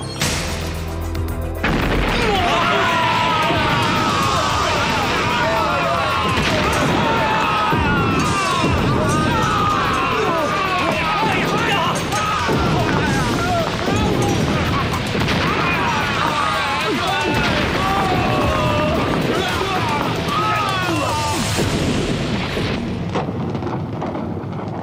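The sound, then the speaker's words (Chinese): A loud explosion of a whole batch of Zhu Yuanzhang's gunpowder set off at once rumbles and crashes for many seconds, a dense, continuous roar with booming low end, while voices cry out over it before it cuts off. “朱元璋这批火药这么厉害，早知道就不一下子全用了。”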